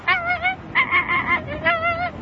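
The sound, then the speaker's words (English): A voice imitates an American flamingo's call: three nasal, goose-like honks in quick succession, fairly loud, the second higher-pitched than the others. “The American flamingo.”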